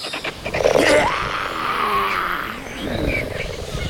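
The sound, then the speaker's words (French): A loud, raspy cheetah roar lasting about four seconds, made to drive off scavenger birds near its gazelle: a harsh growling surge that peaks early, then rumbles on with a second, lower swell near the end. No voices. “Je vais rugir.”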